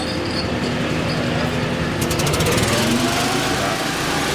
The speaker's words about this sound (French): En route un énorme ventilateur avec une génératrice pour évacuer les fumées.